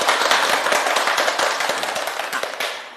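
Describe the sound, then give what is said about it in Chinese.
A crowd claps steadily for the full three seconds, dense overlapping handclaps forming warm applause that fades slightly toward the end, with no talking over it; teachers and students applauding to welcome a guest professor from the Communication University of China at a classical-poetry recitation program. “我们掌声欢迎。”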